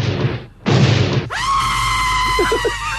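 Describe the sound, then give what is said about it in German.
Two loud, noisy explosions burst one after the other, followed by a sustained high-pitched wailing scream that rings out over a low rumble. “endet mit 2 fürchterlichen Explosionen.”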